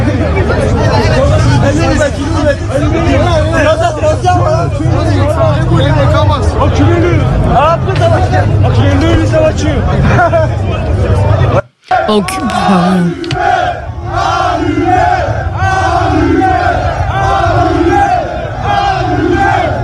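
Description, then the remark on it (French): A large, agitated crowd of rioters shouts and yells continuously during street clashes, voices overlapping in a loud, chaotic roar, with a brief cut partway through before the clamor resumes with rhythmic chanting. “Enfin, je sais pas si on peut écouter des extraits de qui ont été diffusés de ces échauffourées hier ou de ces émeutes.”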